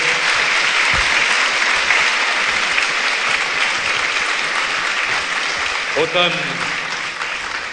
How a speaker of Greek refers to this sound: Αρχηγέ, πρέπει να σας καλέσω όχι μόνο για να σας επιδώσω ένα αναμνηστικό, αλλά και για να σας ευχαριστήσω δημόσια, γιατί οδηγήσατε τα πράγματα ώστε να έρθει απόψε εδώ η φιλαρμονική της πολεμικής μας αεροπορίας. Ένα χειροκρότημα νομίζω ήταν λίγο πριν.